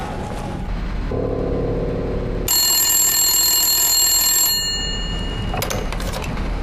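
An old-style telephone bell rings once in a sustained burst of about two seconds, loud, over a steady background hiss, with no one speaking.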